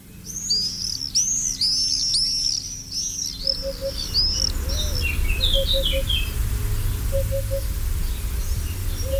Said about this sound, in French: C'est le martinet noir qui vit près de l'homme dans les villages, les villes. Il niche souvent sous les tuiles ou dans un trou de mur. Il repartira très rapidement au mois de juillet. Dès le 14 juillet, les martinets repartiront en Afrique.